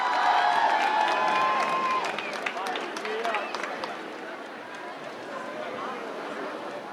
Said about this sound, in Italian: Accogliamoli con un grande applauso qui al 105 Summer Festival a Baia Domizia,